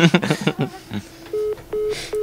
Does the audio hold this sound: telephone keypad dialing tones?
yes